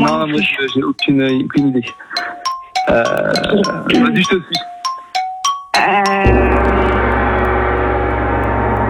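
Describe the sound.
A game show gong strikes once after a stretch of quick back-and-forth talking, signalling that the contestants' 10 seconds to agree on an answer are up; its loud metallic tone rings out alone and slowly fades over several seconds.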